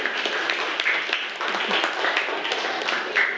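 A group of children in a class clapping their hands at the teacher's request for a group of classmates and their two-level model building, in a dense, steady burst of applause that keeps up at an even, fairly loud level for a few seconds, with no talking.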